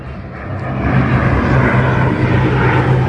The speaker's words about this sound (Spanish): Evacuaban varias localidades cercanas. Poco después empezaron a pasar los aviones.